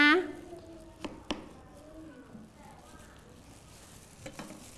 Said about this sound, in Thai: ขออนุญาตหั่นครึ่งเลยเพื่อจะให้เด็กๆนะคะเห็นด้านในเด็กๆคอยดูดีๆนะ